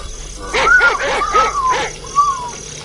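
A dog barks in a quick run of four or so sharp barks, then one fainter bark follows, over a steady high-pitched insect-like buzz.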